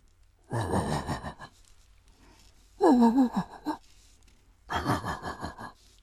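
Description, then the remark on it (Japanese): A man's voice imitates a large dog barking far off late at night in a residential neighbourhood, three separate hoarse, breathy woofs spaced about two seconds apart, each lasting roughly a second, with quiet pauses between. “これはね、深夜に住宅街で遠くから聞こえる、小型犬と大型犬っていうネタがあるんですけど、いいですか、やって、 はい、 はい。”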